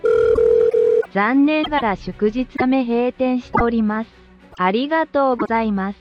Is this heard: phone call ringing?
yes